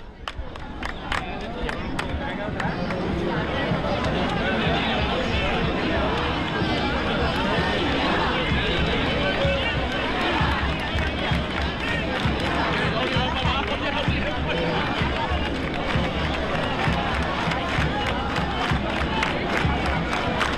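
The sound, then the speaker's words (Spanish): A dense crowd of Rocío pilgrims keeps up steady rhythmic palmas hand-clapping, sharp claps repeating in time, mixed with loud shouting and singing voices, during the meeting of the Isla Cristina and Villarrasa brotherhoods in Spain. “Esas palmas hacia Villarrasa, sin perder un ápice el compás.”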